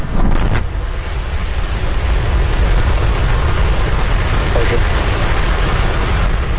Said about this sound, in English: SpaceX successfully launched its Starship spacecraft into orbit from the company's Starbase facility in Texas. 3, 2, 1.